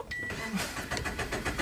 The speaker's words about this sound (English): Just gone. Couldn't start the car again.